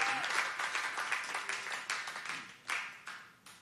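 A crowd applauds in a dense, steady wash of clapping that swells with a couple of sharper bursts near the end before starting to thin out. No voices come through.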